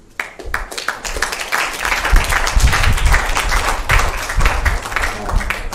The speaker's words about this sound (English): So, round of applause again.